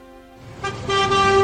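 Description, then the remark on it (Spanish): Car horns honk in a building chorus, overlapping sustained blasts that grow louder and denser over a low traffic rumble, heard from inside a car stuck in jammed city streets. “Justo cuando estás atascado en las calles dentro de tu auto”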